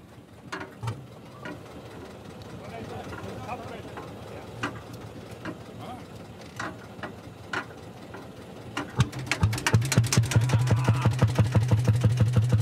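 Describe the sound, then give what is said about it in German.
A hot-bulb tractor engine is hand-cranked at its open flywheel with irregular mechanical clicks and clatter, then catches and settles into a steady, rhythmic thumping that grows louder. “Hier drüben am offenen Schwungrad wird der Motor quasi in Gang gesetzt und das führe ich jetzt vor.”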